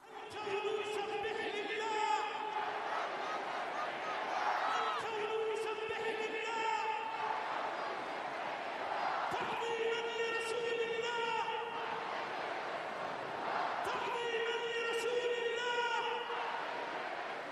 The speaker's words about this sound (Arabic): تتداخل هنا هتافات الولاء لرسول الله مع هتافات التضامن ونصرة الأقصى وغزة، لتتحول الساحة إلى ملحمة متكاملة